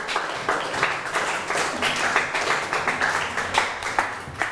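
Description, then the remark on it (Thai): A group claps together for a classmate's correct answer, Wat Phra Pathom Chedi, in steady, dense applause for several seconds, a crisp flurry of many hands with no voices over it. “วัดพระปฐมเจดีย์ถูกไหมครับ ถ ูกต้องปรบมือให้เพื่อนหน่อยครับ”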